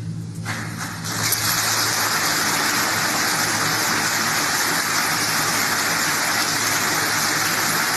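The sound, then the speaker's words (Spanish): Sustained applause in a parliamentary chamber from a large crowd of supporters, guests and relatives filling much of the hall: dense, steady clapping that swells in after about a second and holds at an even, loud level with no voices. “Son los aplausos de sus partidarios, de sus invitados, ¿no?”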